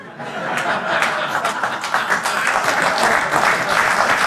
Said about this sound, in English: Oh, key joke. Finally gets applause.